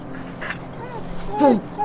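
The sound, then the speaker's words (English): A stray dog whimpers, letting out thin, high whines and a sharp yip that slides downward, over a low steady background hum. “Dang strays. That thing is still at it.”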